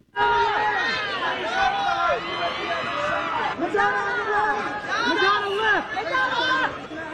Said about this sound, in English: People screaming, "I love that outfit," as the celebs posed on the red carpet.